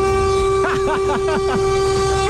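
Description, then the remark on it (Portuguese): A car horn blares in one long, steady, unbroken honk for the whole stretch, loud, while a voice talks briefly over it partway through. “Buzina, não, não vai embora, não, né?”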